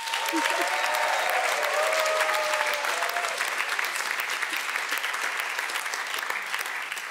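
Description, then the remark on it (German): Hearty applause from a crowd, given on the Schlagerspaß show for a caller on the phone: a dense steady clatter of many hands clapping at full volume for about seven seconds, with a few faint tonal sounds and murmurs mixed in early on. “damit du weißt, dass wir im Schlagerspaß sind, kriegst du jetzt einen kräftigen Applaus.”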